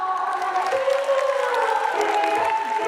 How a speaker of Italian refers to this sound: Facciamo quest'ultima insieme e poi vi saluto! …, un applauso!